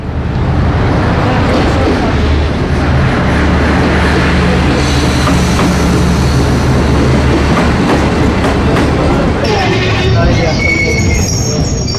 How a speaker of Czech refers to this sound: Ekspresni vlak s prvog programa stigao je na prvi peron, prvi kolosijek.